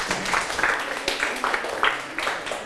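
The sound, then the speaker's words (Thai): A class of students claps together for a classmate in a dense, crackling burst of applause that holds steady for a few seconds, with faint voices mixed underneath. “ถูกต้องปรบมือให้เพื่อน”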